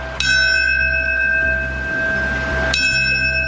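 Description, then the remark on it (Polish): A single memorial bell at Ground Zero in New York tolls twice before a minute of silence for people who died of illnesses linked to the World Trade Center area; evenly spaced strikes ring out loud and clear with a long shimmering sustain, with no voices. “Minutę ciszy poprzedziło 7-krotne bicie dzwonu.”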